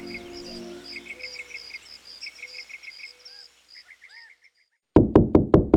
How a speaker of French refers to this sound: Oh ! Tu entends ? C'est le sommeil qui frappe à la porte. Ouvre-lui et laisse-le entrer.